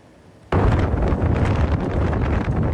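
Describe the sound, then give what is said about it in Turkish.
Strong wind in Istanbul, brought by a cold air wave from the Balkans after a dust cloud, roars in abruptly after a brief quiet moment, a loud, sustained buffeting rush with rumbling gusts battering the microphone. No voices are heard. “Ardından kuvvetli rüzgar etkisini gösterdi.”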